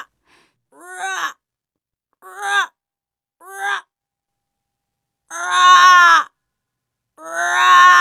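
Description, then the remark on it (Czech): Five eerie, drawn-out calls of three snow-white ravens at the ruins of a former castle, likely voiced by a person imitating the birds: three short wailing cries followed by two longer, louder moaning calls, separated by silence. “Jednou uviděli tři havrany. Nebyli černí, ale sněhobílí. Pak zaslechli jejich zpěv.”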